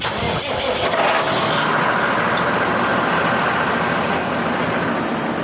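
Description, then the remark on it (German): The engine of a heavily armored 12-ton tractor, a specially equipped vehicle for areas with unexploded ordnance on a military training ground, runs steadily and loudly, a continuous low rumble with a dense mechanical roar that barely changes across the whole stretch, no voices. “Etwa diesen 12 Tonnen schweren Traktor.”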